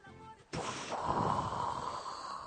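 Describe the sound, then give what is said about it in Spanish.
A person imitates a whale's blow with one forceful, breathy exhale, a long airy whoosh that starts abruptly and lasts about two seconds, fairly loud, with no talking. “Claro, vos lo ¿cómo hacía una ballena?”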